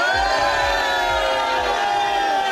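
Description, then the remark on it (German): A large crowd in Bayersbronn cheers and shouts loudly and continuously, making noise on request, a dense roar of many voices with whoops on top and a steady rhythmic thumping underneath. “Jetzt kann man dieses Licht natürlich schlecht beschreiben im Radio, aber was man ganz gut machen kann im Radio, man kann zeigen, wie viele Leute da sind, indem all diese Leute hier in Bayersbronn mal ordentlich Lärm machen.”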